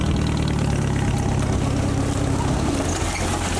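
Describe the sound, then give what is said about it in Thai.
A jeep engine idles steadily, a loud continuous low rumble with a chugging rhythm and broad noisy hiss above it, holding even throughout with no one speaking. The jeep is used at an orchard to haul areca nuts. “ต้องใช้รถจิ๊บอย่างเดียวที่กับหัวได้ที่เคบๆรถจิ๊บพ่อจะใช้มากไปเอาน้ำยางวันนี้มาขึ้นหมากแล้วก็เอารถจิ๊บมานี่ขนหมาก”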